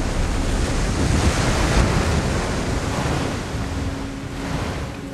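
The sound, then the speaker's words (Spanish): Themistocles' ship slices through ocean waves as it pulls away from Calisto, a loud, continuous rush of churning water and spray with wind noise mixed in, steady throughout and slightly easing toward the end. No one speaks. “Su barco surca las olas.”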